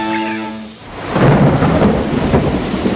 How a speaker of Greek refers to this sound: Πω, κοίτα τι ρίχνει έξω, κατακλυσμός, δεν πάμε πουθενά.